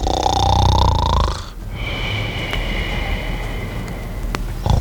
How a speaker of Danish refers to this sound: Altså, jeg hader at høre på snorken.